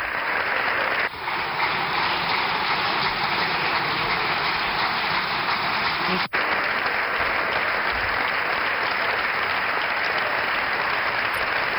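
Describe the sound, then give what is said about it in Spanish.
Sustained applause from the Partido Popular benches in the Spanish parliament for Miguel Tellado's speech, a dense steady roar of clapping that continues at a constant loud level for the whole stretch, with a brief break partway through. “Largos aplausos sí. De la bancada popular a la intervención de Miguel Tellado.”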